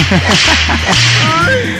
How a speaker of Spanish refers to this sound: que le mandemos unos latigazos, por favor. Ok, déjale, mando por aquí a sus buenos latigazos.